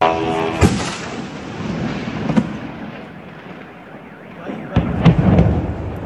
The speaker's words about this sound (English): You can hear the buzz of the drones, the blast, the car alarms. It amounted to one of the largest attacks on the Russian capital since the Kremlin ordered the invasion of Ukraine more than 4 years ago.